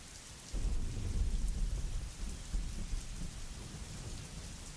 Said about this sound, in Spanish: Y parece que se viene de nuevo la lluvia. Vos sabés que yo estoy en Córdoba. Y anoche sí, por lo menos llovió un poco.